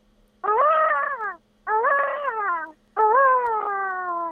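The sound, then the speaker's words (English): A voice imitates a peacock's call: three long, wailing cries with a rich, nasal tone, each sliding slightly downward in pitch, separated by short pauses. “because we live with peacocks, so peacocks make two noises, kind of like a cat meowing, and then their call that you know.”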